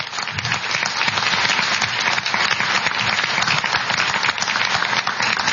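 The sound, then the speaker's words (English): An audience at a Chamber candidate forum bursts into steady applause for candidates Lawler and Connolly, dense overlapping claps holding a loud, even level for several seconds with no voices breaking through. “We can give them a round of applause now, even though it's breaking the rules.”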